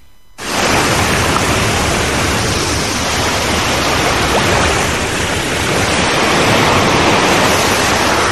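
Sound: sea waves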